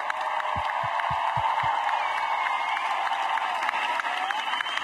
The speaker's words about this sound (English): Please give them one more round of applause.